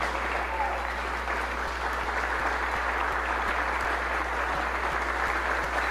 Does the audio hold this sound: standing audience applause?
yes